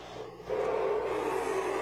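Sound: classic car engine revving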